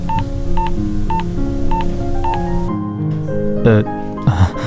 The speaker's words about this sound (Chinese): 按下了父亲的电话号码。